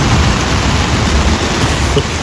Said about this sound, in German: Das ist der Sound aus dem Zelt, ja. Also da ist gerade ein fettes Gewitter über Schäsel hinweggedonnert.